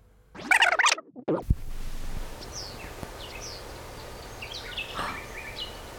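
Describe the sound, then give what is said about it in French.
Outdoor ambience at the Grotte des Jettes in Brussels, where a loud burst of bird chirping opens, followed by scattered faint bird calls over a steady rustling background. No one speaks. “Des oiseaux.”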